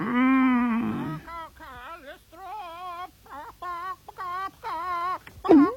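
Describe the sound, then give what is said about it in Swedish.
A voice imitates a hen's clucking and cackling, opening with a drawn-out call and then running into a quick string of wavering, squawky clucks, loud. No wing flapping stands out. “Det är hönan, hörru. Hon kommer kacklande och flaxande som en riktig höna.”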